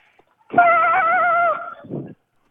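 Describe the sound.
On a radio phone call for Railway Day, a child's voice imitates a train, holding a steady, slightly wavering high hoot for about a second, then adding a short, lower puff of sound.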